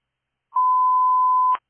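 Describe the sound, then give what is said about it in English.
A single steady fire dispatch radio alert tone, the second tones for an outside fire at Bellavista Street West and Galloway Road North, holds one pitch for about a second, loud and clean, then cuts off with a brief crackle. No voices are heard. “Fresh 23, second tones, outside fire, Bellavista Street West, Galloway Road North, select PAC 8, 1511.”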